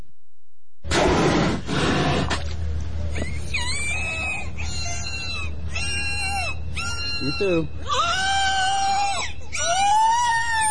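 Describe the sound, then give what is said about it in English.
Calls of two captive killer whales (orcas) at a marine park in Florida: a run of about seven loud, squealing, wavering cries, each roughly a second long, over a low steady rumble, following a brief spoken phrase at the start. “Killer whales can actually be friendly, at least the captive ones, like these two at SeaWorld in Florida.”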